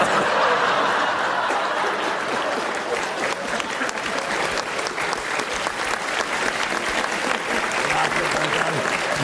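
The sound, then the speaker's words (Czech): A crowd claps steadily in dense, sustained audience applause throughout, in response to a single line, with a few faint chuckles mixed in. “Jedna věta, aplaus, to rozumím.”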